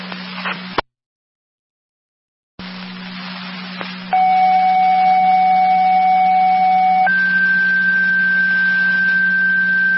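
Two-tone dispatch alert for EMTs to the station over the Charlie Charlie radio channel: a steady lower tone holds for about three seconds, then jumps to a higher sustained tone, over constant hum and static after a brief dropout.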